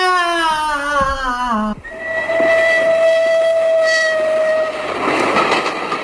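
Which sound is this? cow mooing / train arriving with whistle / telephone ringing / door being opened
train arriving with whistle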